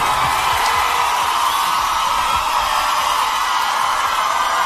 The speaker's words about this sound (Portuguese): Quero pedir uma salva de palmas pro Cristiano e pra Lana, por favor.